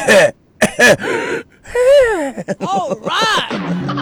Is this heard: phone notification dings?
no